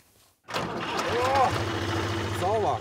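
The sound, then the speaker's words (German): A tractor engine starts up and settles into a steady, low, throbbing idle, with a few brief voices rising over the rumble, at a harvest celebration on a farm in Gerden, where visitors ride across the field on a flatbed trailer. “Einmal Trecker fahren.”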